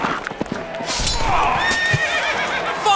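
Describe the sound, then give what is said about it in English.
A horse lets out a loud, drawn-out whinny with a shrill, wavering tremolo at a Renaissance festival, where a rider has been knocked off his horse. It rises out of a brief patch of rustling noise and carries on for well over a second. “Elliot hath been knocked off his horse.”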